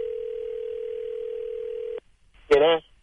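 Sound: telephone dial tone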